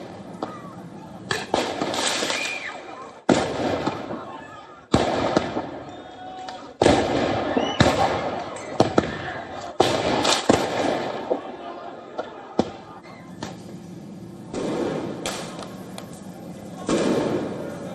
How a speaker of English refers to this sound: Riot police clashed with the protesters in a suburb of Paris, meanwhile, with fireworks, tear gas, smoke bombs being fired at regular intervals.